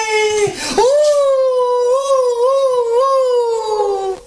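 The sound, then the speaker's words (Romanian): A wolf cub howls, a brief opening cry that breaks off, then a long, steady, slightly wavering mid-pitched note held for several seconds, loud and alone. “Când aude clopotele de biserică, șede și urlă în două labe.”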